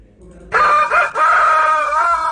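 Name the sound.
rooster crowing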